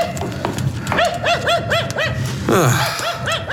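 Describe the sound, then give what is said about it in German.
A dog whimpers and yelps in a rapid, steady series of high-pitched cries, fairly loud, pausing briefly midway before starting again. “Versuchen Sie dann auch, den Hund etwas zu beruhigen.”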